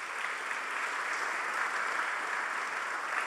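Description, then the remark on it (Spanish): A crowd applauds a nominee for the second edition of the Juan López award steadily for a few seconds, a dense, even wash of many hands clapping with no pauses and no voices on top. “Un aplauso para ella.”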